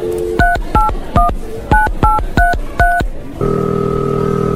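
A quick run of seven touch-tone keypad beeps, evenly spaced and clear, followed by a steady ringing or connecting tone that holds to the end, as a phone call is dialed.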